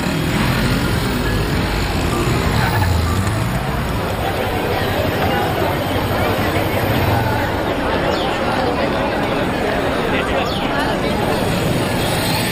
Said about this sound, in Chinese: 每天早上8点都有上百辆摩托车在这里聚集，这是一群特殊的骑友。 看，都是白头发老头儿。 这群老爷子和老太太平均年龄70岁，最大的超过80岁。